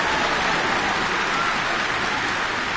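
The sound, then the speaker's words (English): A crowd applauding, played on RNZ Concert radio: a dense, steady wash of many hands clapping that holds at an even, fairly loud level throughout, with no voices over it. “Thank you fans for that lovely round of applause.”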